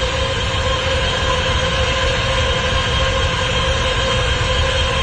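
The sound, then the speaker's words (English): Noise from a data center in Michigan, recorded on a camera phone by a woman standing outside its fence: a loud, unbroken mechanical drone with a low rumble and steady humming tones layered over it, unchanging throughout, with no voices. “That is a woman standing outside of the fence at a data center.”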